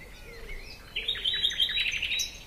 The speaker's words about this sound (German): Es ist still, ich höre diese Vögel.